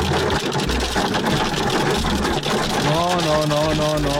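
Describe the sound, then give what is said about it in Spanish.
A loud, steady roar of hail pelting down with rushing floodwater, dense clattering hits layered over a gushing wash; a voice rises over the din toward the end. “Más fuerte el granizo que en otros lados.”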